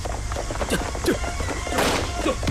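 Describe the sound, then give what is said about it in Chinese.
A few sharp gunshot-like cracks ring out at uneven intervals, with a heavier burst near the end, over a busy background of movement and thudding steps, as marching troops are ambushed near a village at Zhezhuangba. “啊，糟了，枪声！我们中埋伏了！”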